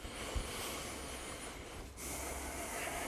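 Heavy, rapid breathing, a steady rush of air in and out with a brief pause partway through, as a person recovers after an exercise routine to check their breathing rate.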